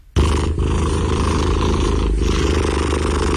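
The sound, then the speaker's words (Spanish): A cat purring, recorded close up with a good microphone: a steady, loud, low rumbling drone with a fast throbbing pulse that starts abruptly and continues unbroken, with no voices. “Este es un ronroneo registrado de manera muy precisa, cercana y con un buen micrófono, por si acaso.”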